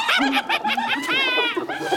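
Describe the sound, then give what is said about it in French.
A pack of hyenas at a gazelle carcass calling with loud, rapid cackling giggles in quick repeated bursts, broken midway by a longer high-pitched wavering whoop, then more chattering yelps. No one speaks. “La lionne n'a pas l'air impressionnée par les cris des hyènes.”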